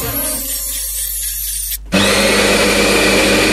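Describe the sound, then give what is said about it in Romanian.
A coffee grinder grinding coffee beans runs with a steady motor whine, stops for an instant, then kicks into a loud, harsh grinding roar that continues until the end. “Mirosul ăla de cafea proaspăt măcinată, îl simți?”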